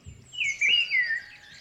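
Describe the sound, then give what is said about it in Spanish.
A person imitates a bird, whistling a quick run of high, sliding chirps and trills that last under two seconds, fairly loud, with no talking. “¡Uy, qué bien imitas a los pájaros, tío!”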